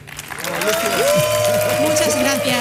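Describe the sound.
A crowd applauds steadily, a dense wash of clapping that swells quickly and holds loud, with a voice speaking over it, welcoming a paint expert from Leroy Merlin.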